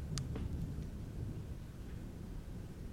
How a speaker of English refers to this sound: Damn, that thunder.